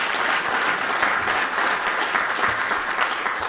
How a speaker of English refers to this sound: That, yeah, deserves a round of applause.